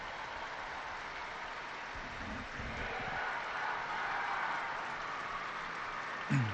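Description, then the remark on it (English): A large crowd of pilgrims gathered in St. Peter's Square applauds after the Pope's Sunday greeting. The clapping is a dense, steady wash that holds an even level for several seconds, with faint voices mixed in and a brief louder burst near the end. “Big round of applause going up from the pilgrims gathered in St. Peter's Square.”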